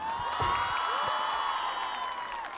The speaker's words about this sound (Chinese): 首先给三位掌声。